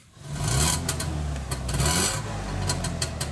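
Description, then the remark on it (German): The Wöhlbier family's Trabant (Trabi) in Schackstedt, Saxony-Anhalt, Germany: its small engine runs steadily, a low, buzzing drone with a raspy, rattling edge and sharp irregular clatters on top. No one speaks. “So klingt der Trabi der Familie Wöhlbier.”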